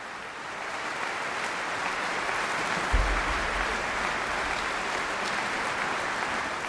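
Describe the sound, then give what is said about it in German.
Steady, dense applause from a large audience at the Kraftwerk in Peenemünde, Usedom Music Festival, right after the NDR Elbphilharmonie Orchestra finishes Tchaikovsky's Symphony No. 5, a continuous crackle of many hands clapping at an even loudness throughout, with a brief low thump partway through. “Das Publikum, das hat kaum den letzten Ton abgewartet und gleich begeistert losapplaudiert.”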